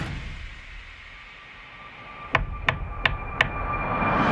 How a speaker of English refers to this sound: That was her knocking on the window of his car after he made the wish.